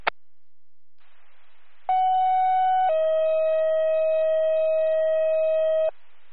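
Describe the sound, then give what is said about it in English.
A fire department dispatch alert tone over radio hiss, calling city fire to respond to a fire alarm at 15 Main Street: after a brief click, a loud steady higher tone holds for about a second, then drops to a lower tone held for roughly three seconds. “Fire second tone, need a response, 15 Main Street, for a fire alarm, city fire.”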